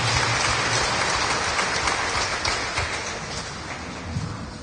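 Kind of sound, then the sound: crowd, audience clapping hands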